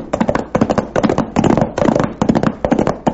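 A rapid, irregular volley of gunshots from a gang firing into the Charlton house, sharp cracks piling on top of each other almost without pause for about three seconds, with no voices over them.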